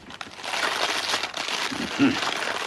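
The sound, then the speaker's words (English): Eggs sizzle in hot fat in a frying pan: a steady, crackling hiss that runs throughout, with a brief low murmur of voice rising under it near the end. “Nice sizzle.”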